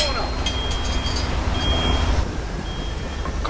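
A garbage truck lumbers down a tree-lined residential street, rumbling with a heavy, steady engine drone, while a high-pitched warning beep sounds in long, evenly spaced bursts over the noise.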